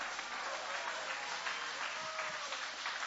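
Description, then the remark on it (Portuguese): An audience at a Portuguese-language church service applauds after a Bible reading from Hebrews 2, a steady, dense wash of clapping that holds at an even level throughout, with no voices standing out above the crowd's hands. “Pode tomar o vosso assento, guarda a Bíblia com carinho e podem aplaudir com mais alegria.”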